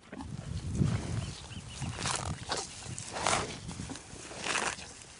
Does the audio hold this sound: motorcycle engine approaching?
no